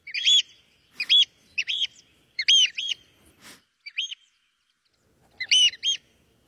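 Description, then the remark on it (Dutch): A flock of birds calls loudly while flying over an office building in the morning, nesting nearby, short shrill chirps in quick bursts of two or three, repeating irregularly with brief silent gaps between. No one speaks. “Elke ochtend horen wij namelijk deze school extra luid over het gebouw vliegen, omdat hij vlakbij een nest heeft gemaakt.”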